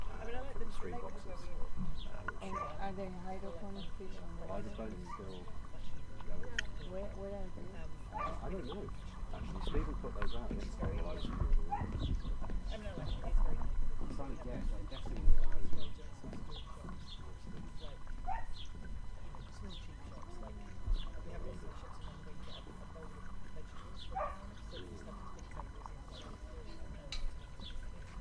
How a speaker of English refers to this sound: And we've got nice, just microphones looking out across the bay. We've also got some of the streams from below and above the water.